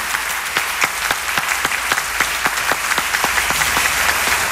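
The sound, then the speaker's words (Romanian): Steady audience applause for actor Marius Bodochi at an awards ceremony, a dense wash of many hands clapping at an even, moderately loud level with a few sharper claps standing out, no voices on top. “Aplauze pentru actorul Marius Bodochi!”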